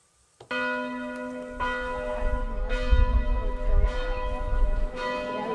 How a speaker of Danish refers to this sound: tog til Lynæs og fik en snak med publikum, mens aftenklokken ringede inden koncerten.